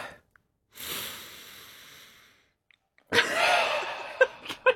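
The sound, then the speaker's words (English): A person sniffs a finger to identify its smell: one long, airy inhale through the nose, a brief pause, then a louder, harsher sniff ending in a few quick, sharp snuffs. No one speaks. “Do you want to have another sniff?”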